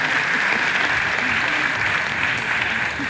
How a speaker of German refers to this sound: Direkt danach brandet zum ersten Mal Applaus auf. Aus allen Ecken des Parks, in denen es sich die Menschen auf mitgebrachten Campingstühlen oder Picknickdecken gemütlich gemacht haben.